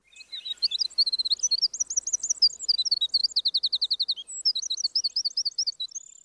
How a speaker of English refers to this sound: E.O. Wilson commenting on the Cordillera Azul ant bird. Scientific name, Myrmoderis E.O. Wilsoni.